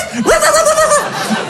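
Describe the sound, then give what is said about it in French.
A man standing behind a door gives one drawn-out, voiced bark in imitation of a dog, rising sharply and then holding steady before dropping off, loud against a busy background. “Mais instinctivement, je me suis mis comme ça derrière la porte, ok? et j'ai aboyé.”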